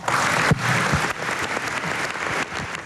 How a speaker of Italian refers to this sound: Bene, questo è l'applauso, l'applauso dell'Aula. E, è cominciata alla Camera la presenza del Capo dello Stato Sergio Mattarella alla cerimonia celebrativa sulla seduta inaugurale dell'Assemblea Costituente.